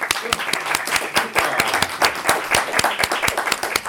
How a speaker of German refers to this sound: Vielen Dank, das war super. Applaus für alle.